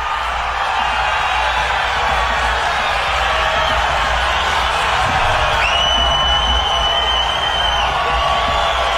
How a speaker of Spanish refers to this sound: Bueno, definitivamente eso que estamos escuchando ahí de fondo es chiflidos de la gente porque no están de acuerdo de que hayan convocado a Neymar Junior a la selección.